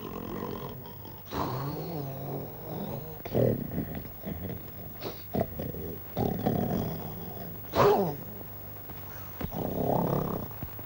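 A man snores loudly in rough, rasping breaths, several long snorts coming in uneven bursts with a low, rattling growl. No one speaks.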